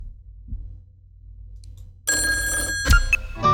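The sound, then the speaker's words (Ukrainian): A telephone bell in a radio call-in programme starts ringing abruptly after a quiet stretch, a loud, dense metallic trill with bright sustained tones that continues steadily to the end, with no one speaking. “Я, на жаль, не можу вже прийняти інші дзвіночки.”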